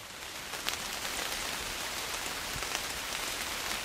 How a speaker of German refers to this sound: Dort angekommen hat es bereits zu regnen begonnen. Doch der Blätterwald bietet einen guten Regenschutz.